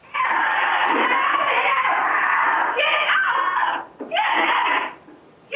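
A Nigerian dwarf goat named Donnie screams loudly in one long, strained, continuous cry as a cougar latches onto its neck at a farm near Nanaimo, British Columbia, then lets out a second shorter scream after a brief break.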